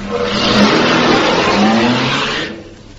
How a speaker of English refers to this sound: Now, he'll get into the car. He'll start the engine. And then he'll drive off.